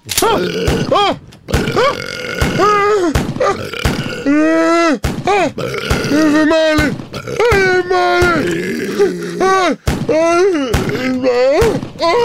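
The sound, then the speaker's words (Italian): A rapid barrage of loud, comical burps with wobbling, drawn-out pitch follows one after another, punctuated by sharp, sudden revolver shots, as chef Pentolaccia is hit in the face in an ambush. “Lo chef pentolaccia viene raggiunto da tantissimi rutti buffi e revolverate in volto.”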